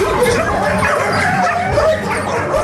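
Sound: many dogs barking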